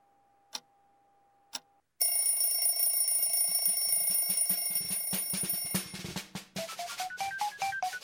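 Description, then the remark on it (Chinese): Two short, evenly spaced beeps of a radio time signal marking four o'clock, followed by a sudden loud burst of bright, ringing electronic tones that pulse rapidly and waver in pitch toward the end. “下面音响4:00。”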